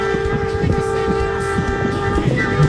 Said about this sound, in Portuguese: Vamos, Coronel! Não esqueça do buzinaço, né?